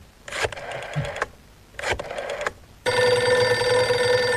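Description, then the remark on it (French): Two short bursts of mechanical clicking as a telephone number is dialed are followed by a loud, steady telephone ring tone that continues without a break to the end. “Je compose un numéro de téléphone.”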